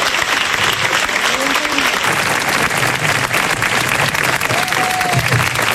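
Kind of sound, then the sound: crowd, applause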